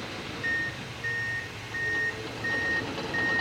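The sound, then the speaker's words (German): Five evenly spaced electronic beeps from a reversing truck ring out over a steady low rumble of engine and site noise at a construction site on the northern part of Bettembourg train station, with no voices. “Schon sind da rund engem Mond aus der Chantier am nördlichen Teil von der Beeteburger Gare am Gangen.”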